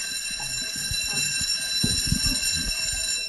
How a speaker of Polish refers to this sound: Dzwonek, jedna z najbardziej ulubionych rzeczy w szkole. Tym dzieci się nie różnią na całym świecie.